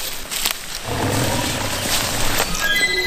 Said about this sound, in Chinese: 你刚才听到虎叫了是吗？ 那边吧， 那个方向。 对，在后面。 方向稍微有点。 我听见虎叫了， 他听到老虎的叫声了。 嗷嗷的声音， 不能确定。